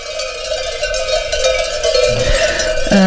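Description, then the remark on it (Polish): Many herd bells clang at once in a dense, continuous metallic jangle, their overlapping tones ringing steadily and loudly with no voices, a few lower clanks standing out near the end. “Jest jak telu dzwonków dzisiaj mają, no tu.”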